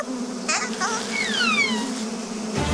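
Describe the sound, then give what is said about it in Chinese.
A swarm of flies drones with a steady, continuous, fairly loud buzz throughout, while a few thin, falling whistle-like tones pass over it. “听上去像是有一群苍蝇，”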